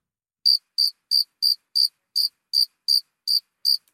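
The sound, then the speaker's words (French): Cicadas chirping in a steady series of about ten short, high-pitched bursts, evenly spaced roughly every third of a second, clear and fairly loud with silence between them and no voices. “c'est quoi cette petite bête? Eh bien, des cigales, petites cigales.”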